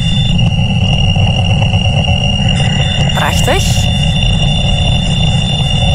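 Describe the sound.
A radio telescope signal showing an enormous peak at one frequency, rendered as sound. It is a dense, loud, rushing roar with steady high whines and a brief swooping, rising whistle partway through. A voice speaks a single word.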